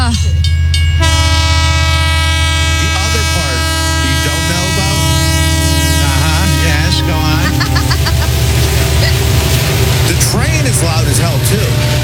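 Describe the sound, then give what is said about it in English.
A train roars past, its horn blaring in a long, loud sustained blast before giving way to the heavy rumble and clatter of the cars, with voices faintly underneath. “Train is very loud just on its own, without the horn at all, just this blasting through.”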